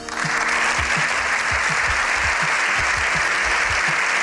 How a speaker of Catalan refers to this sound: Set minuts ininterromputs d'aplaudiments. El Congrés dels Diputats a Madrid, després de sentir el discurs del Papa Lleó XIV, ha estat la primera vegada a la història que un papa, un cap d'estat del Vaticà, ha parlat des de la tribuna